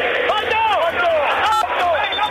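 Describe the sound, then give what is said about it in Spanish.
River Plate fans in a stadium chant in unison during a football match, a loud, steady mass of voices whose sung lines rise and fall in pitch, continuous throughout with no break. “Escuchá a la gente, escuchá.”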